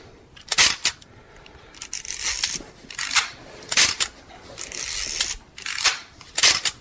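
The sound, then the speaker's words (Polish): A Japanese Nikon F301 film SLR camera without autofocus fires its shutter and winds on several times, with sharp mechanical clicks and short ratcheting whirs in an uneven rhythm, with no voices. “A to jest mi pierwszy zerkalny aparat, prawda, japoński firmy Nikon. Nikon F301.”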